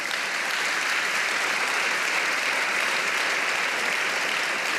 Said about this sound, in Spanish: Pero ¿sabe qué? Dele palmas al Señor.